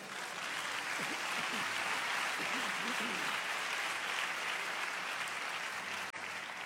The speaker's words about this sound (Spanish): Dale un aplauso a Dios.